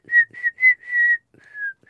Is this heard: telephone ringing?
no